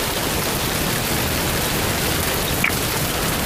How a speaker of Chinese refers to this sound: 平时的天真是怪呀，说下雨就下雨。